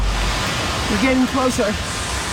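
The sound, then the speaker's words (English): A steady, dense roar of a rushing waterfall, heard while hiking toward it in Colorado, fills the whole clip, with a short voiced sound rising briefly over it in the middle. “Headed to that waterfall up there.”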